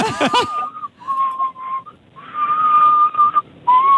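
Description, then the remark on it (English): A caller to radio station 102.9 Hot Tomato whistles loudly: a few quick warbling notes, then long, steady held tones broken by short pauses, over faint background hiss. “You could have whistled.”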